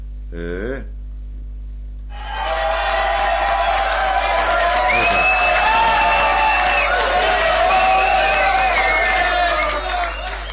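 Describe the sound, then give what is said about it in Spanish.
After a brief quiet moment, a crowd erupts into loud, sustained applause and cheering for two people, with whooping voices and a whistle rising above, holding steady for about eight seconds before easing slightly. “Acá hay aplauso para los dos, a ver.”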